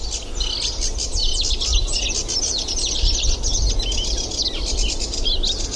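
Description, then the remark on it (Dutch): A sedge warbler sings a continuous, busy stream of scratchy chattering and high whistled notes, fast and varied, over steady low rumbling background noise, with no talking. “je nu hoort, dat is altijd een heel goed kenmerk van een rietzanger.”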